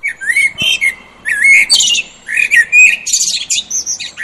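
A busy chorus of birds chirping and tweeting, with bright whistled calls and a few harsher squawks overlapping in quick bursts, steady throughout, no voices.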